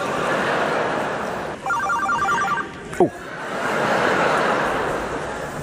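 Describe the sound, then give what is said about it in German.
A mobile phone ringtone trills in a short burst of rapid repeated electronic tones over steady background noise, followed by a brief clunk, like the phone being picked up; the call is from the Berliner Philharmoniker. “Bitte nur, hat jetzt irgendein Assi sein Handy an?”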